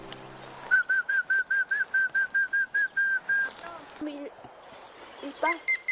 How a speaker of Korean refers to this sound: 이야, 새가 답을 합니다. 어디 있는지 보이진 않지만 되게 예쁜 소리로 오네. 대답을 잘하네, 오늘.